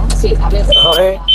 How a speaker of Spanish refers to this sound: No, pero la alarma nos ha fastidiado un poco el audio, ¿eh? Se te escuchaba regulín.